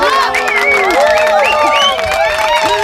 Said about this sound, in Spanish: Un fuerte aplauso para él, por favor.